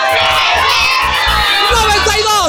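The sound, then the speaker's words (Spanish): A loud crowd in Azcapotzalco, Mexico shouts and cheers together, a dense wall of overlapping voices that stays strong for the whole moment, with excited rising yells near the end. “Y es que aquí en Azcapotzalco y en todo México se grita bien fuerte.”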